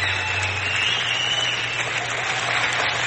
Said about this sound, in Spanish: Qué bonito, qué bonito. Aplauso para la peruana.